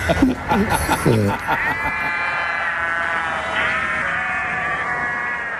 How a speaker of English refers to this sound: Oh, love the sheep. Love the sheep.